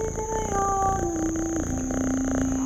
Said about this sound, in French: Excepté un chat qui se dandine sur la route de Marathon. Le vieux matou prend le frais.